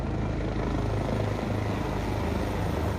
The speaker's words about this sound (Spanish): Como parte del evento, un homenaje también surcó los cielos, en donde tres helicópteros rindieron tributo a todas las víctimas de uno de los sucesos más desgarradores de la historia moderna de los Estados Unidos.